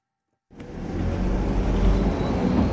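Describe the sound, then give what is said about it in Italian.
After half a second of silence, a postal bus engine and road noise rise and hold steady, a loud, continuous rumble of the bus driving along a narrow mountain road between Goppenstein and the Lötschental valley. “Io sese gli auto da posta che meine mai da Goppenstein sia da el Lötschental.”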